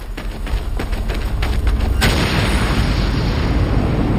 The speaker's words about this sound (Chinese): 弹药库被炸上天时，二人仍然在爆炸区域内。